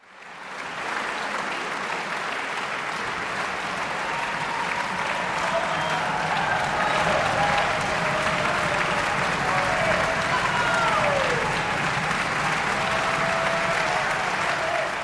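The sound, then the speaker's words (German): A concert audience in the string quartet category of the 75th ARD Music Competition at Munich's Prinzregententheater applauds loudly and steadily for about fifteen seconds, with dense clapping, foot stomping and cheering voices rising and falling throughout. “So viel Fußgetrappel und Jubel habe ich selten in einem klassischen Konzert gehört.”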